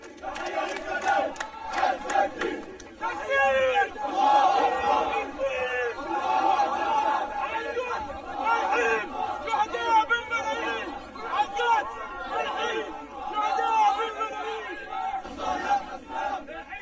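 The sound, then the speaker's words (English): A massive crowd of mourners in the funeral procession for senior Qassam Brigades leader Ezzedine Al-Haddad and his family fills the air with loud, continuous shouting and rhythmic chanting, many voices rising and falling together in waves with no pause. “Journalist Saeed Hezbollah filmed massive crowds of mourners taking part in the funeral procession for Al-Haddad and his family after they were killed.”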